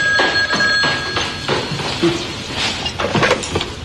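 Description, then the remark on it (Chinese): A telephone bell rings insistently, a rapid metallic clatter pulsing in quick repeated bursts throughout, fairly loud, with no one speaking over it. “让大舅接个电话。”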